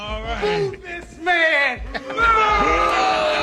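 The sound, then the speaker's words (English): A crowd boos loudly in long, overlapping waves, many voices sliding up and down in pitch, swelling and dipping briefly before surging again without a break. “I want to boo this man.”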